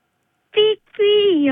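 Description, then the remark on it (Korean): An 11-year-old child, asked on Railway Day to make a train sound, imitates a train with two high, tonal beeps: a short one, then a longer one that slides downward at the end, clear with no other sound around. “기차 소리가 삐삐인 것으로 나타났습니다.”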